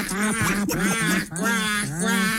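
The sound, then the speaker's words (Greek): A crowd of voices imitates duck quacks in loud, drawn-out nasal calls, repeated in a steady rhythm of about three to four sustained bursts; football fans doing duck calls at the player Tzolakaros when he played for Olympiacos. “Όταν έπαιζε στον Ολυμπιακό, Τζολάκαρος, κάνατε τις πάπιες.”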